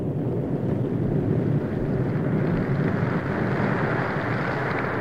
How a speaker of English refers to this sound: Rain. Rain at last. Refreshing, wonderful, life-giving rain.